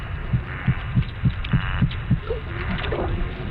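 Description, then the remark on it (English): Fish popping sounds made by a fish's sound-producing muscles pulling and pushing and releasing water: a quick, evenly spaced series of about eight low, dull pops over steady hiss, the pulses softening and blurring toward the end. “And as that water is released, that's what's making those popping sounds.”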